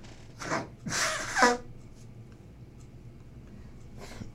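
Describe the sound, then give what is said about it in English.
A person blows their nose in a few forceful, breathy bursts, a short one, then a longer honking blast, followed by quiet and one final softer snuffle. “Let me blow my nose.”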